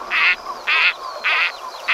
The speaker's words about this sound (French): J'ai choisi un canard chipot.